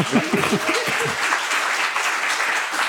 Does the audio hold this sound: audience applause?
yes